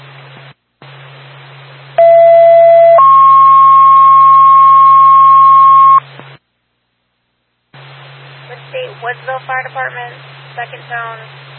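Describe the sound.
A fire department dispatch paging tone sequence for the Woodsville Fire Department over a hissy, band-limited radio channel: a short higher tone, then a long steady lower tone for several seconds, followed after a pause by a dispatcher talking about a fire alarm activation in Woodsville.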